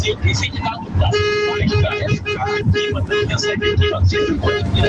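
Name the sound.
car horn honking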